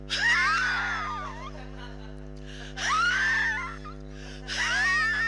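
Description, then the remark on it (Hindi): A man coughs in an unusual style in the background of a film song, letting out three loud, strained coughing bursts, each with a wheezing, whistling whine that sweeps in pitch, separated by short pauses over a steady low electrical hum. “ये उनके खांसी की आवाज।”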